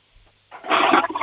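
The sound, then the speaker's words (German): A toilet flush starts after a brief quiet moment, bursting into a loud, broad rush of water that swells and keeps roaring to the end. “Ihr habt aber eine laute Klospülung, die ist sicher voll kräftig.”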